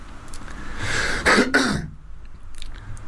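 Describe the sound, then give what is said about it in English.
A person imitates a peacock's call with a single loud, harsh, breathy squawk lasting about a second, its pitch bending up and then down before quiet returns. “That's my impression of a peacock.”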